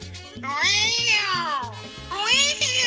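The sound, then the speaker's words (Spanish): A caller from Petare imitates a cat, producing long, wavering meows one after another, loud, with a low rhythmic hum or beat running underneath. “y voy a imitar el sonido de un gato.”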